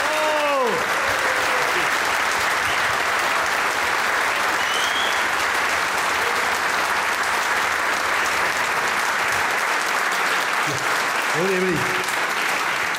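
Sustained applause from a large audience at a football show held as part of a music festival fills the whole stretch at steady volume, a dense wash of clapping with brief vocal tones briefly poking through near the start and end.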